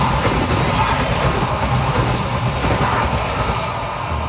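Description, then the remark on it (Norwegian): A train running on schedule rolls past on rails, a steady, loud rumbling roar with faint clattering ticks, holding an even level throughout with no voices. “Et tog som I rute og som kjører på skinner.”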